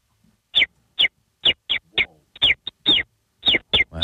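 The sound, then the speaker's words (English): A person imitates a sparrow with a rapid series of about a dozen short, sharp, bright chirps, uneven in spacing and broken by brief silences. “Like a common sparrow or...”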